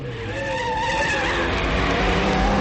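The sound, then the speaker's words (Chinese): A motorcycle roars up and skids to a stop, its tires letting out a loud, drawn-out squeal over the engine noise, with no voices. “黑木子驾着摩托车过来，惠子不免有些失望。”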